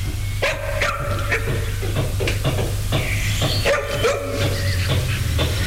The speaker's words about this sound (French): Florence n'est pas très rassurée à cause des chiens qui semblent très féroces.